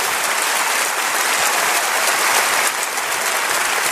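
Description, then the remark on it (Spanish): An audience applauds for Jesus Christ, a dense wash of many hands clapping steadily at an even, fairly loud level for the whole stretch, with no voices rising above it. “Denle un aplauso a Jesucristo, por favor.”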